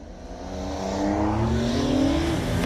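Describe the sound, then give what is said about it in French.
An old combustion-engine car with no electronic aids or launch control accelerates hard from a standing start, its engine revving, the steady harmonic drone climbing in pitch and growing louder before dropping back, with no one speaking. “Mais pour le moment, les moteurs thermiques, moi, ça me va déjà super très bien. Hein? Puis en plus, y a le son qui va bien avec.”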